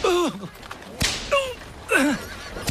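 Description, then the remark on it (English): Two sharp whip lashes crack across a sailor's back about two seconds apart, part of a flogging of twelve lashes for deserting his ship, each followed by a man's strained, wavering cry of pain, with another anguished groan at the start. “If you don't want to feel the lash of a whip across your back...”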